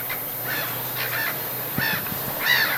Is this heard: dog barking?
no